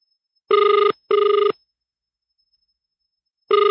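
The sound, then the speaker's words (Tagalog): A telephone ringback tone on a call to Mayor Janjan's cellphone, heard on air: a classic double ring, two short buzzing bursts close together, a long pause, then the pattern starting again, clear, with no talking. “Nagring imo cellphone.”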